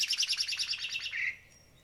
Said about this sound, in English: are you guys hearing birds chirping every once in a while?